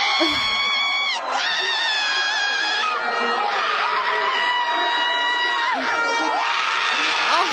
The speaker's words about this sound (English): That was when they called back a goal. I mean, it's just a lot of yelling.